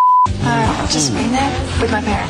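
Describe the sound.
A short, steady electronic censor beep sounds loudly at the start, replacing a word in a Power FM radio contest clip, and a person immediately continues talking afterward.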